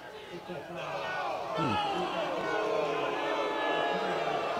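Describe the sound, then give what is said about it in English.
A large football stadium crowd boos and jeers a referee's call on a possible targeting hit, a dense roar of many voices that swells after the first second and holds steady at a loud, sustained level. “Crowd doesn't agree with it, and they're going to run to the end of the field to take a look if it is targeting or not.”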